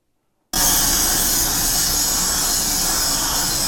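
After a brief silence, a loud, harsh grinding noise starts abruptly and holds steady, a continuous hissing screech like a power grinder working metal, as production line workers do grinding work in a factory.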